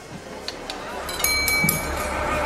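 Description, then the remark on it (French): Glasses clink together several times in quick succession in a toast to the coming year 1945, bright ringing taps that grow busier toward the middle, over a low murmur of voices. “Trinquons à cette future année 1945.”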